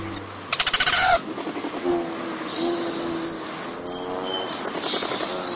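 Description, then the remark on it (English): A courting male Rufous hummingbird's display: a sharp, stuttering buzz of whirring wings, then a run of thin, high chattering notes and squeaks against a faint outdoor hiss, with no talking. “If you're lucky and you live west of the Rockies, you've seen a courting male Rufous hummingbird displaying like a crimson comet.”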